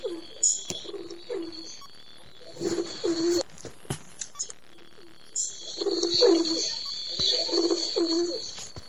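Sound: pigeon cooing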